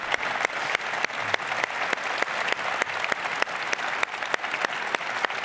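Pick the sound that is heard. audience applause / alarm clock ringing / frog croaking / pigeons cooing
audience applause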